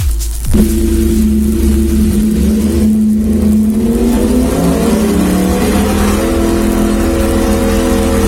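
A Yamaha YZF-R1 sport motorcycle engine revs loudly, kicking in with a sharp burst and then holding a steady, high drone that climbs and falls in pitch, with no voices.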